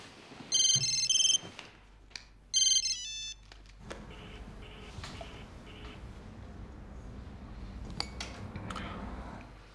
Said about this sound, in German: gehst da jetzt ran oder schaltest das Handy aus?